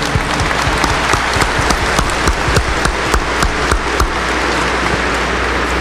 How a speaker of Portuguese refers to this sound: Acolhendo a todos do altar, as religiosas, seminaristas, a sua romaria e quem está em casa, com aquela salva de palmas calorosa, fraterna.